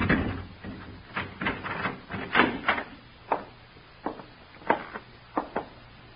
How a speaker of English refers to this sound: Here, open the door. Keys, sir? Yes, Larry gave them to me months ago. Go on, open the door.